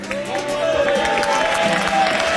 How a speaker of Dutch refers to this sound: Zullen we dan gewoon heel hard zijn naam roepen? Want dan komt hij misschien wel door die deur daar. Roep maar.